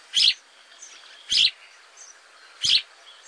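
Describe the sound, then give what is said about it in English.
Three sharp sparrow chirps spaced about a second apart, bright, with faint twittering between them and no voices. “In the 1870s, another European sparrow came to the U.S., but had a completely different fate.”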